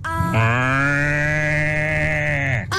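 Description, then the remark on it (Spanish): A person imitates a sheep's bleat with one long, steady, nasal call lasting over two seconds, loud, with no other sounds around it. “Falta la oveja.”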